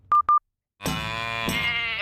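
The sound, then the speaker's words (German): Two short electronic beeps, then a pause, followed by a single loud, drawn-out sheep bleat with a wavering, harmonic-rich tone close to the microphone. “Schweinderl, was hast du mit der Kuh, dem Schaf und dem Händel vor?”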